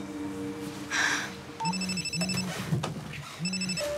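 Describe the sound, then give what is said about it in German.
A phone line rings out as an outgoing call to someone's home connects, repeated electronic ring tones in a steady rhythm, clear, with a soft background hum and no one speaking. “Ich rufe jetzt bei denen zu Hause an.”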